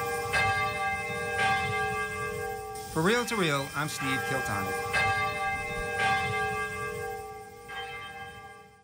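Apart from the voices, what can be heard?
cathedral church bell ringing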